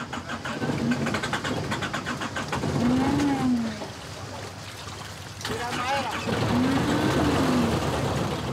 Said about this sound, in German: Doch der Motor springt nicht an.